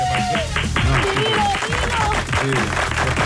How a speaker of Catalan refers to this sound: I cada dia aquí s'aplaudeix menys i amb menys entusiasme.